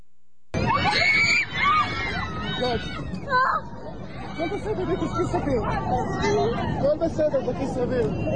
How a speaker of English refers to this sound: Here's the screaming, the yelling and screaming on that Israeli jet, or the Dubai jet, with all the Israelis on it, cut 19.